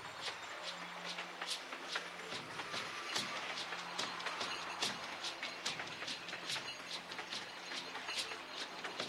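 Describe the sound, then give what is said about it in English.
A tourist passenger train, which carries up to 468 passengers at about 35 kilometers an hour along Route 51 through Campo Quijano and Gobernador Solá, rolls along the rails with a steady rumbling roar and repeated sharp clacks from the wheels, fairly loud throughout, with a low hum underneath. “The train can take up to 468 passengers and offers other services, such as restaurants, physician, consultant room, audio, video, and bilingual guides, as well as private security and an ambulance that accompanies the train.”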